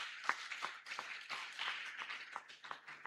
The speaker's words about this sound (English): Clap for the Lord.